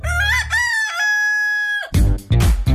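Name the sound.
rooster crowing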